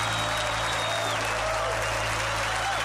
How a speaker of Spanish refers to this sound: aplauso a él fuerte.